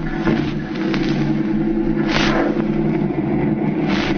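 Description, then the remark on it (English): A car that has just been loaded with goods roars as its engine revs and pulls away, a steady, loud mechanical drone that barely lets up. No one speaks. “They're loading the stuff into the car.”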